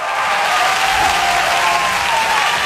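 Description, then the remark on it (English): A crowd of women cheers and claps loudly and steadily, a dense wash of applause with high, thin whoops rising through it for the whole stretch. “That is the lady cheer.”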